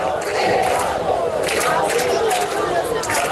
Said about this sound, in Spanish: Gritan que se quedan en la Puerta del Sol,